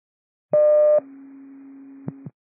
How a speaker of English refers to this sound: I'll send cancellation tones as soon as I can.